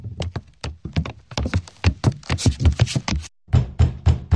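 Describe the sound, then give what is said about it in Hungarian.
Rapid, heavy banging on a locked door from inside by someone trying to get out, a long run of hard thuds in quick succession with a brief pause before the pounding resumes, loud. “De hallgasd, valaki ki akar jutni.”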